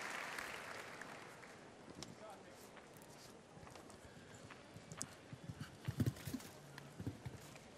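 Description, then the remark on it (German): Horse hooves clip-clop in an irregular, fairly steady stride over a broad murmur of crowd noise, with a faint voice talking in the background; the horse is 14-year-old show jumper Eddie Blue, ridden by Irish rider Dara Cunny, world ranking 39. “Sein Pferd ist 14, nämlich Eddie Blue.”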